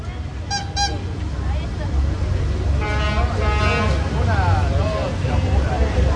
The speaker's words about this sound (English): Or maybe you're in a city and it's a busy one, like this plaza in Cozumel.